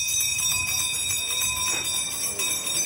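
A town crier in historical costume rings a hand bell at a town crier contest in the centre of Rijssen, in hot weather. Its bright metallic clangs overlap into a continuous high ringing with a quick, even rhythm throughout. No one speaks.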